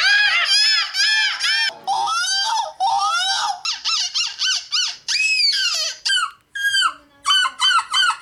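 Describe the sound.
Participants at a European seagull-imitation championship in Belgium imitate gull calls in a loud, continuous stream of high, arching squawks and yelps, several overlapping, with quick repeated cries toward the end.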